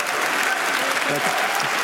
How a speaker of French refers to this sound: Et il prend son temps pour démarrer son discours. Le Polonais largement applaudi.